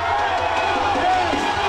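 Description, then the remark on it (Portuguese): Football fans in a bar, watching a World Cup match, cheer and shout together, a dense, steady roar of many voices held at full volume throughout the short burst. “E a empolgação era tanta que o bar parecia arquibancada.”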